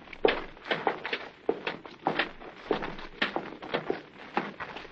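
Steady footsteps thud up a flight of stairs, a dozen or so evenly paced steps, moderately loud, with no voices over them.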